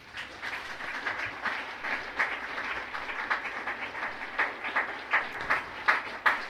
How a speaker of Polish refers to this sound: Szanowni Państwo, w tym roku Puchar profesora Izydora Stella Sawickiego, założyciela i pierwszego rektora Politechniki Krakowskiej, otrzymuje, jeszcze raz podkreślam, tak jest, Wydział Mechaniczny, proszę o wielkie brawa.